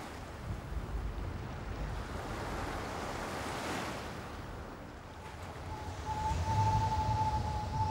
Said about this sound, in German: Nordost, Windstärke 7.